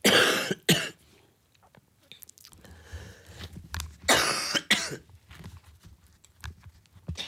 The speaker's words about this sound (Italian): Ora mi scuso veramente moltissimo, non so che sta prendendo stamattina con questa tosse.